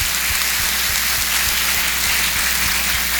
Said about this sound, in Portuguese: Eu quero que fiquem de pé os acompanhantes e as acompanhantes que acompanharam isso. Uma forte salva de palmas para vocês, nossa gratidão.